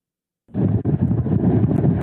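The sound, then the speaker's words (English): After a half-second of silence, strong wind from Hurricane Florence suddenly whips in at Carolina Beach, North Carolina, a loud, rough roar buffeting the microphone with deep rumbling gusts that continue without a break. “The wind is whipping stronger than it has in the last 24 hours.”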